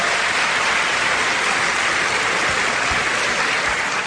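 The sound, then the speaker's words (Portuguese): An audience at Igreja Cristo Vive applauds for God in a dense, steady wash of clapping that stays loud and even for about four seconds, with no voices rising above it. “Você gostaria de aplaudir uma vez a Deus?”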